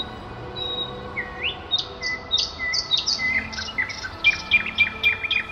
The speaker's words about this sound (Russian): И при этой заре начинали петь соловьи. Их было много, но слышалась каждая трель, каждый посвист. Казалось, по багряному полотну катятся горсточки небьющихся стеклышек.